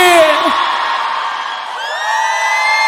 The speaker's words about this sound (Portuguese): Uma salva de palmas e um grito bem forte pra boiadeira aí!